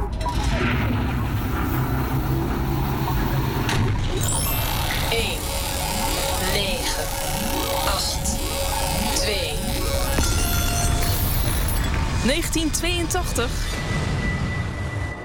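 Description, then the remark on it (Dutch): A time-machine flight effect for travelling back to 1982, after the doors close: dense, loud layered whooshing sweeps, rising and falling tones, buzzing hum and rumbling booms blend into one continuous swirl of motion. “Eerst ga jij met ons vliegen naar de verleden tijd, Paul.”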